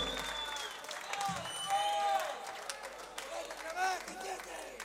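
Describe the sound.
An audience applauds a singer with dense, steady clapping throughout, while voices cheer and call out over it and a few higher whoops or whistles rise and fall.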